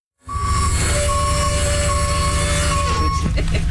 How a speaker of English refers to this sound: A few blocks away, we picked up a couple more ladies, one of whom needed a bit of an assist using the bus lift.